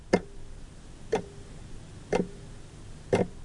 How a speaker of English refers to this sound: The early morning routine is slick, but endlessly tiring, and always the clock ticks on. 8, 8:15, 8:30, 8:45.